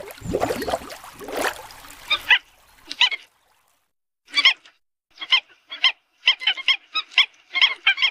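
Mute swans call on the Wuliangsuhai wetland with a series of short, nasal honks in irregular bursts, following a brief rush of splashing or flapping noise at the start.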